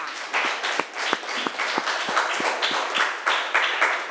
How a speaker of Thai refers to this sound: สำหรับชั่วโมงนี้ค่ะคุณครูก็ต้องขอขอบคุณตัวแทนนักเรียนทุกๆคนนะคะครูขอเสียงปรบมือให้ตัวเองอีกครั้งหนึ่งค่ะ